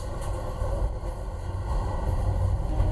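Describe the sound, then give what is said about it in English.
The Amtrak Sunset Limited passenger train, running west from New Orleans to LA, rolls slowly along the tracks through swamps: a constant deep rumble with a broad mechanical hiss and faint high whine over it, unbroken and fairly loud throughout, with no one speaking. “The slow train running west from New Orleans to LA is called the Sunset Limited, Such a romantic name.”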